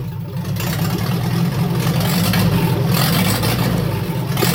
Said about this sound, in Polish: Nie, to nie jest Wartburg, ładniejszy od Wartburga. Na pewno samochód. Niektórzy się w nim zakochiwali. Posłuchajcie. Tak pracuje. Jak już się rozrusza oczywiście.